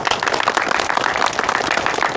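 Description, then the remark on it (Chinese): A group of people claps together to welcome a new member of the first squad of a reconnaissance company, in dense, steady applause, a continuous crackle of many hands sustained at a fairly loud level with no voices on top. “鼓掌欢迎。”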